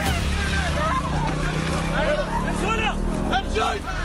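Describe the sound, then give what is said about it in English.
A motorcycle engine drones loudly and steadily while a woman being taken away on the motorcycle by Hamas-led gunmen during the October 7, 2023 attack on the Nova Music Festival screams in high, rising and falling cries, mixed with shouting voices. “Noah Argamani, screaming, terrified, being taken away on a motorcycle”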